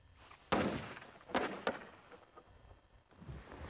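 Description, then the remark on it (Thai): A muffled blasting explosion in a mine, set off to reach fossil bones, goes off with a sudden, broad boom, followed by a couple of shorter thuds and debris-like rumbling as it fades, with no one talking. “การระเบิดครั้งแรกนี้น่าจะระเบิดกระดูก คงจะเป็นกระดูก”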